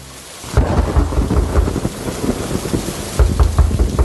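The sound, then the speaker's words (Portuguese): Heavy rain pours steadily while deep rumbles of thunder roll through, building in loudness and returning near the end, with no voices present. “Com essa chuva eu vou ter que abrir a porta.”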